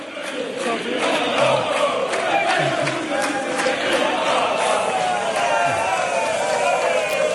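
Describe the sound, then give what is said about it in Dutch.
A large crowd in Barcelona roars continuously as a man walks toward the terraces and whips them up, a dense wash of cheering with overlapping voices and chant-like swells, steady and loud throughout with no pauses. “En dan hoor je zo meteen dat hij het publiek ook nog eventjes een klein beetje gek probeert te maken.”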